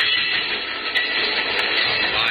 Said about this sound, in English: Train goes past. Yeah. Okay, it's gone.